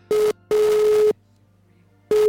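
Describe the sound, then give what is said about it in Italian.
During a telephone line test, a steady telephone line tone sounds in three bursts: a short beep, a longer held tone, a pause, then another short beep, loud and clear over a low constant hum. “Questa è la linea 1. Questa è la linea 2.”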